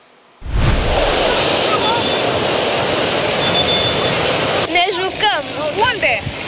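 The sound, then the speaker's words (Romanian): A loud, steady roar of strong sea waves and wind on a beach where the wind has raised the red flag and dangerous waves keep tourists on the sand, beginning abruptly and filling the scene, with people's voices breaking in near the end over the surf. “În sud, marea este interzisă, vântul puternic a ridicat steagul roșu, iar valurile periculoase îi țin pe turiști blocați pe nisip.”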